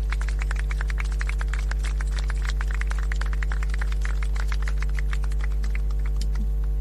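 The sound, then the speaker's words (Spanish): A crowd applauds steadily as the city's mayor receives a contribution handed over by legislator Javier Acevedo, a dense, irregular patter of many hands clapping throughout, with a constant low electrical hum underneath and no voices. “Fuerte el aplauso entonces.”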